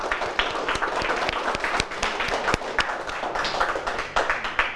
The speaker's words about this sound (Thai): ถูกต้องครับปรบมือเลยนักเรียน